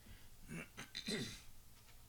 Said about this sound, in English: Excuse me. Well, I clear my throat.